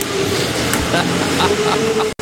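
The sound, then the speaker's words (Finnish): A tractor engine runs steadily with a low, droning rumble and a faint whine on top, fairly loud throughout before cutting off abruptly at the end. “Talkaa ei se tule se... Traktori, ei vittu.”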